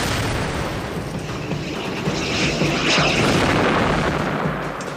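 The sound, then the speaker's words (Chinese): A sustained, loud roar of explosions with heavy low rumble and crackling debris, swelling briefly in the middle, as Typhoon fighter aircraft attack tanks, with no voices. “类似列车穿过隧道的声音再次响起，然后又是爆炸声。”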